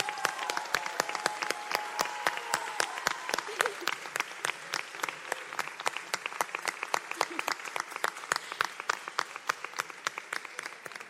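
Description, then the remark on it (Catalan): Sustained audience applause for this year's pubilles and hereus, a dense crowd of hands clapping steadily for several seconds, moderately loud, with no one speaking over it. “En primer lloc, voldria que tornéssim a aplaudir tots, sisplau, per les pubilles i els hereus d'aquest any.”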